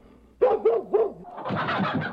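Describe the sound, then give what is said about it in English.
Dogs bark three times in quick succession, loud, then a burst of noisy, scuffling commotion with chickens squawking follows and continues to the end. “Dogs barked, chickens squawked, there was a loud shout, and there stood Esau in the doorway.”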